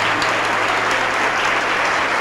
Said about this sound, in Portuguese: E vamos aplaudir sim. Essa é a primeira coisa que tem que acontecer. Entregar a vida para Jesus. Vamos aplaudir mais, está chegando mais gente.